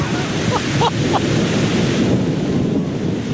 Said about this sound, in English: So we just parked, and it is starting to thunder and rain. So perfect conditions for knocking on doors, right?